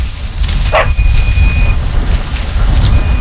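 A single short bark from Hua Hua, a farmer's dog running alongside a tractor, cuts through the steady, loud rumble of the tractor's engine as it is driven, with the low droning noise continuing throughout and no one speaking.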